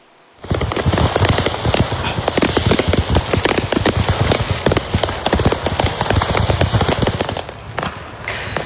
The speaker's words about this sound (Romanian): Un incident pirotehnic pe o autostradă din Statele Unite, unde o camionetă încărcată cu artificii a luat foc.